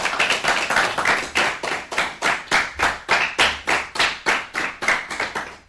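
A group claps loudly and steadily in a quick, even rhythm for several seconds, the sharp slaps close and full with no voices over them.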